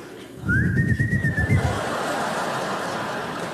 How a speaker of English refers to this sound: Oh, terrible whistle.